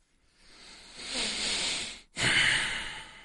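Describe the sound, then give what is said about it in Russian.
Two heavy breaths blown straight into a microphone, each a broad airy rush with a brief gap between them, loud and noisy with no talking. “Да, уж извините за эти дыхания в микрофон, но получается ситуация следующая.”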